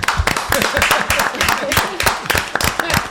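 An audience breaks into steady applause, a dense crackle of many hands clapping loudly and continuously for a few seconds, with faint voices and cheers mixed in beneath.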